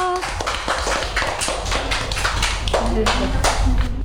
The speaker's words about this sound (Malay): Oke, tepuk tangan untuk Jojo.